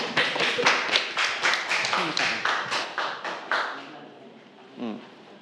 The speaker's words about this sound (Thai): ปรบมือให้กับเพื่อนด้วยนะครับ